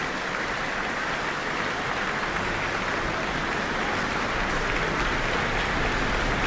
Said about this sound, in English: Looks like a standing ovation for the New Zealand Symphony Orchestra in the Town Hall tonight. The crowd's going wild after that.